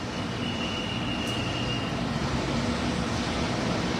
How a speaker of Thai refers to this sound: เสียงแอร์ตอนนี้เป็นเสียงแอร์นะครับเสียงแอร์ที่ก็คงประมาณไม่นานครับที่จะได้ยินเสียงแอร์นี้นะครับ